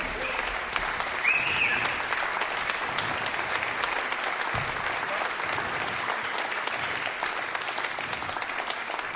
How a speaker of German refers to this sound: Und ja, ein Applaus vielleicht jetzt schon. Das ist ganz nett.